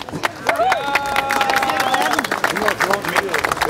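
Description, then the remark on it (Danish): An audience in Ribe, Denmark, claps steadily to celebrate a Danish record of 114 metres, dense overlapping hand claps forming a loud, continuous patter, mixed with whoops and raised voices from the crowd throughout. “Der bliver klappet.”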